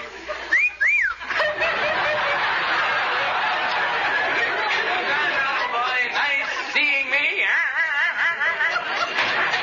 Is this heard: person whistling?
yes